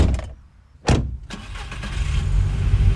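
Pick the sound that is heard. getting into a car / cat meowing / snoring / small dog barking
getting into a car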